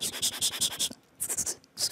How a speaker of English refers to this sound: So what I can think of firstly is like the writing sounds, like using pencil on like paper. Okay. So it might sound easy for you, I think. I don't know. You know, when you write something on the paper, okay, using pencil.